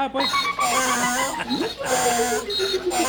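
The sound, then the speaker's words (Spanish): A loud donkey bray sound effect, a harsh, honking heehaw that rises and falls in pitch over about three seconds. “Tony, póngale un burro al buen día por menso”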